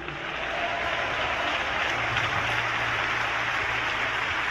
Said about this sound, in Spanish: Denle palmas y alabanzas al rey.